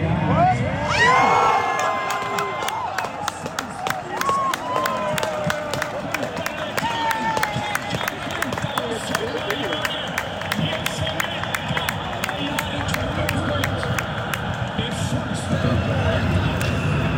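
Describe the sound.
A crowd at an early-morning outdoor broadcast at Revensgrund in Norrköping erupts in loud cheering and shouting as the last goal of a football match goes in, with sharp rhythmic clapping running through it for the whole stretch, a dense roar of many voices that stays steady throughout.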